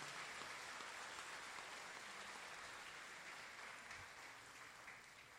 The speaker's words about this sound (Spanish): Les vamos a dar un fuerte aplauso. ¡Feliz cumpleaños!